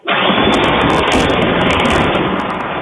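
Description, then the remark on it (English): A lightning strike recorded by a doorbell camera in Troy, in the Miami Valley, during storms with heavy rain and strong winds, hits with an abrupt, loud crack that rolls straight into a steady, crackling roar of thunder, holding strong for about three seconds with no voices. “Well, a viewer in Troy sent us that video you see there, a doorbell camera catching that incredible lightning strike and just how long it went there.”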